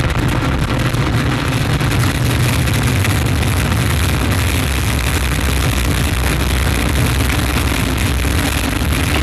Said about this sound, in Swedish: 8, 7, 6, 5, 4, 3, 2, unité, top, allumage Vulcain. Allumage confirmé. Top, allumage EAP, décollage.